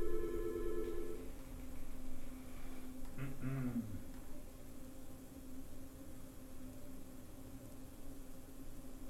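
A telephone rings once in a short electronic burst at the start, then falls silent, leaving steady background hiss with a brief muffled sound a few seconds later.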